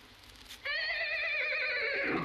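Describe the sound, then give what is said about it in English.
A horse lets out a single loud whinny, starting suddenly and holding a high wavering pitch before dropping and trailing off. “Soon he came to a horse.”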